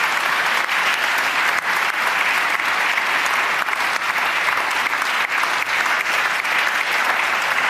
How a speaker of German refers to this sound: Und das ist auch einen Applaus wert. Vielen Dank. Vielen Dank. Danke.